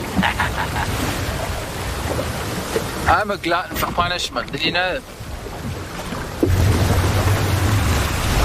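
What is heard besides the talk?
ocean waves surging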